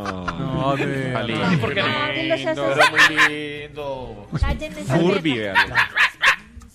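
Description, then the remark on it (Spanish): A dog barks and yips in a run of short, loud bursts, with whiny, pitched sounds between them and voices talking in the room alongside. “Este man, perro guardián, como que no, como que. Mambo, ataque.”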